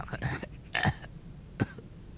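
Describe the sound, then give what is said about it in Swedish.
A few hoarse, croaking coughs from a sick father in his room, raspy and throaty, with short pauses between them and no talking. “Då hörs ett krax från pappas rum.”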